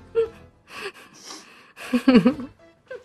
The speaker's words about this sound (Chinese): 这是吸鼻子，真的很精髓。